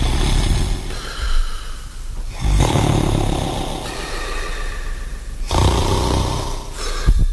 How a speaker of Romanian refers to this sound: Eu veghez, maestre, dar altcineva doarme, sfărăie și se aude prin pereți.